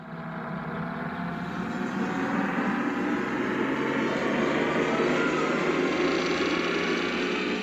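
A time machine travel sound effect as the lever is pressed to travel to Hungary in the year 1918: a loud, continuous roaring whoosh like a rumbling engine, swelling slightly at the start and then holding steady for several seconds, with no voices.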